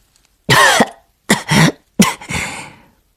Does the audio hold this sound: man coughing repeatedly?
yes